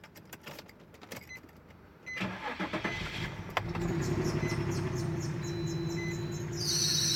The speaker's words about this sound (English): Bro, I don't think your car's supposed to make that noise. Nah, it's fine. It just does that sometimes. No, for real. Go get that checked out before you drive.